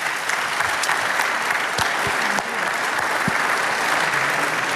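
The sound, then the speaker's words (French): An audience applauds a quiz team after a short quiz about cycling, a dense wash of many hands clapping at a fairly loud, even level throughout, with no voices standing out. “On peut les applaudir tous pour ce petit quiz sur le vélo.”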